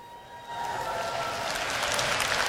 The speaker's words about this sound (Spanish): Un aplauso al Señor por la Renovación Carismática Católica, que ha traído tantas bendiciones a nuestra Iglesia.